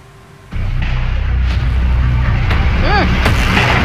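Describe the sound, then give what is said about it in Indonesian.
Sharp cracks of firecrackers burst out every second or so over a constant roar of crowd noise, with a brief rising-and-falling whistle between the bangs, during a brawl between groups of residents on Jalan I Gusti Ngurah Rai, Duren Sawit, East Jakarta, on a Monday morning. “Kedua kelompok saling serang dengan menggunakan lemparan batu, kayu, serta petasan kembang api.”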